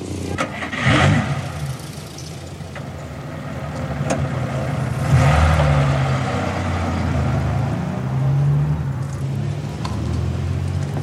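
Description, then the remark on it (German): A car engine idles with a steady low rumble, then revs up a couple of times as the vehicle pulls away, with no voices. “Der Wagen interessiert dich wohl mächtig”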